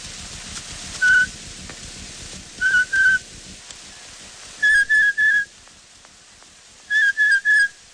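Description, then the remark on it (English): A person whistles an imitation of a blue jay call, from an old cylinder recording in the Belfer archive: short, bright notes in groups of one, two and three, over a steady crackling hiss. “Blue Jay.”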